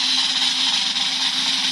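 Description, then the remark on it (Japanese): A roulette wheel spinning: a steady, loud mechanical whir with a faint low hum underneath, holding an even level throughout with no voices. “ルーレットスタート。”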